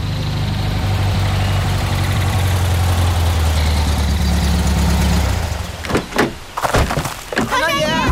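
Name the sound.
car engine idling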